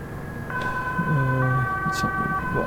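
An ambulance siren wails with steady two-tone alternating notes, loud, over a rumbling low background with faint voices murmuring beneath it.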